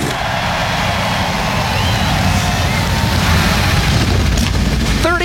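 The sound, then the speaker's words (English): A dense, loud roar of many NASCAR Cup Series stock car engines firing up together on the start-your-engines command before the FireKeepers Casino 400, a thick rumbling wall of sound that holds steady, with a high revving whine rising near the end. “NASCAR Cup Series machines come to life.”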